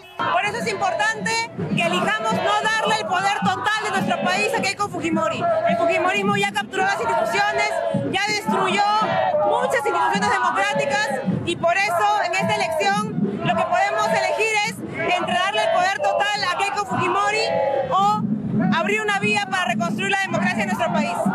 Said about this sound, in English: The march, convened by a coalition of civic groups, student organizations, labor unions, and human rights activists, drew crowds chanting, "Keiko won't make it," and carrying banners with slogans including, "Keiko is chaos."